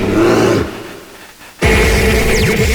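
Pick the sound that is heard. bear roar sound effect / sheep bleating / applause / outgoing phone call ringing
bear roar sound effect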